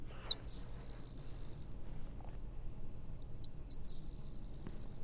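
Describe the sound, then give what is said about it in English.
A grasshopper sparrow sings twice, each song a few faint high ticks followed by a thin, dry, insect-like buzz lasting about a second, heard fairly clearly over a low outdoor rumble. “bird that makes an unusual sound in our area as well would be the grasshopper sparrow, which is a lot more common, but like its name suggests, it definitely has a sound that's almost insect-like as opposed to what we would consider a general song.”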